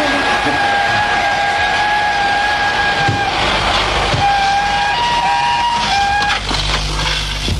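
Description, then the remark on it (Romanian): A locomotive gives several quick, shrill, sustained whistle blasts in held bursts over a loud, continuous rumble of rolling wheels and grinding brakes as the train comes to a stop near the end of a gorge through rocky mountains. “În cea de-a treia seară, tocmai când garnitura se apropia de capătul defileului care traversează munții stâncoși, locomotiva scoase câteva fluierături repezi și trenul se opri.”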